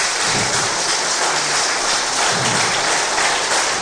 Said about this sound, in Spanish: Dale un fuerte aplauso, hermano, hermana.